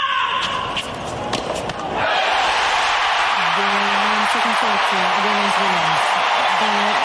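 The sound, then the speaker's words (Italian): A few sharp impacts, then a big tennis stadium crowd inside Arthur Ashe Stadium erupts into loud, sustained cheering and roaring that fills the space, with a man's voice speaking over the din. “What a noise inside Arthur Ashe.”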